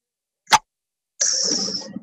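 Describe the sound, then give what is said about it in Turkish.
A voice imitates a bottle being popped open with a lighter: one sharp, percussive mouth pop, a brief pause, then a steady breathy hiss like escaping fizz that lasts almost a second. “Ağzıyla şişe, ne bu açma sesi mi?”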